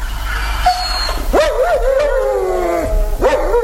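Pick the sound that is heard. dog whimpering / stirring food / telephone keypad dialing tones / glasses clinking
dog whimpering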